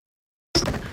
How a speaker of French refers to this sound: Ici, on a le four à pain. Si on ouvre la porte. Ah oui, d'accord. Donc on a le four à pain qui sert apparemment de garde-manger.